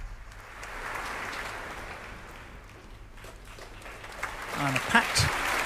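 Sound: concert hall applause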